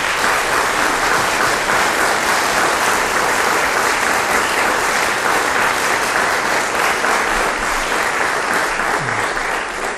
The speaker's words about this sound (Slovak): Aj títo naši súťažiaci získavajú všetci titul laureát Slávika Slovenska pre rok 2026. Tak ešte jeden veľký potlesk pre všetkých.